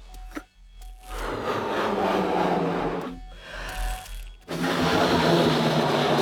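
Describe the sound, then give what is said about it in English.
Someone blows hard into a balloon to try to clear their Eustachian tubes, in three long, rushing breaths separated by brief pauses, each a loud, breathy hiss with a rubbery rasp and no talking. “All right, so you are about to blow into this balloon and see if you can clear your Eustachian tubes.”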